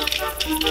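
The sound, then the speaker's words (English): Castanets clicking in a quick, irregular patter of sharp, dry wooden clicks, moderately loud, with no voices. “And castanets.”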